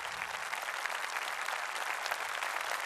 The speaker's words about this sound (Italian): E allora anche dai 1560 metri di Rucas, con il vostro applauso, se vi va, facciamo un buon compleanno alla Repubblica Italiana.